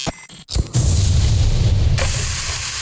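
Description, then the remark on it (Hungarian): Angus burger meat sizzles loudly on a hot grill, a steady hiss with a low rumbling crackle underneath, starting after a brief clatter and continuing without any voices. “Ez a hang, amikor a jó hús találkozik a forró grillel.”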